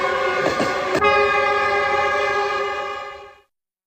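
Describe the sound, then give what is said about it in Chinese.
A train carrying passengers to Guizhou, China, sounds a loud, sustained horn blast, a steady tone holding for about three seconds before cutting off, with a brief rattling clatter near the start and no voices. “刘家母子当即动身搭乘火车赶赴贵州。”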